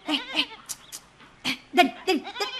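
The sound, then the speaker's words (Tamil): Goats being led to a grassy field bleat repeatedly, a series of short, wavering, nasal calls in quick succession with brief gaps between them and no talking. “நல்லா தான் ஆட்டுக்கிட்ட பேசியே கூட்டிட்டு வர.”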